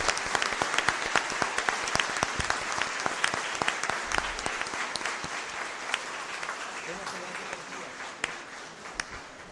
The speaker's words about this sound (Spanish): Démosle un fuerte aplauso al cielo y a todos quienes recordamos hoy día.